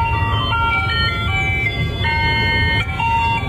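A tinny ice cream truck jingle plays its bright, looping melody over a low engine rumble as the truck pulls into the street, loud, with no one speaking.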